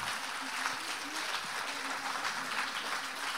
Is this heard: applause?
yes